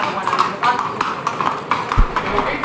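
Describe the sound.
Hooves of an eight-year-old Lusitano horse coming out clip-clop in a steady, rhythmic series of sharp knocks, with a murmur of background voices and ambient noise underneath.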